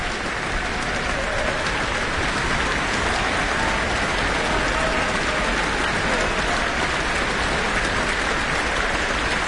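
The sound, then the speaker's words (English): Sustained, dense applause from a large concert audience for cellist Kobekina after she played Shostakovich's Cello Concerto No. 1 with the Auckland Philharmonia, a steady rain-like wash of clapping that stays loud and even throughout with no voices standing out. “And she has just joyfully left the stage after some very appreciative applause, and back she comes.”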